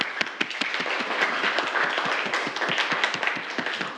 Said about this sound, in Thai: ปรบมือให้เพื่อนเลยนักเรียน